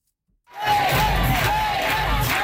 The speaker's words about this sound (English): Braden Cayley arrived to cheers at his election night watch party at a Lonsdale pub.